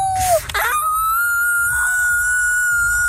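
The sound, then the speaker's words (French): Several young voices of Franco-Ontarian students imitate wolf howls for the Festival du Loup, one long sustained wavering howl rising and holding steady after a brief falling cry, loud with a noisy group murmur underneath. “Des élèves franco-ontariens qui font leur meilleur hurlement de loup.”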